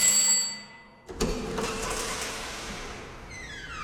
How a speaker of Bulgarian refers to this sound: Но в този момент на вратата се звънна